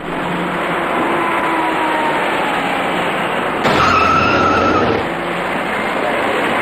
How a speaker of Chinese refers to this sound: 事发之前，一辆公交车沿着外侧车道自东向西而来，而那辆白色小客正在向上盘桥转弯。由于躲闪不及，公交车的右侧车身与白色小客的左侧车身发生了剐撞。